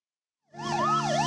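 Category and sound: vehicle, ambulance siren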